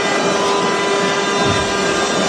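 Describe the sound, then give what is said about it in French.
A rugby stadium's end-of-match siren blares as one steady, unbroken tone, held at an even pitch over a loud, dense roar from the crowd, with no speech. “Allez, pourquoi pas offrir ça quand même à ce public alors que la sirène retentit.”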